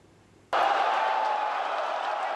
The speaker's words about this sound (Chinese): 球迷的欢呼声，穿上球衣的爱宠狗狗，430寸大电视直播赛事。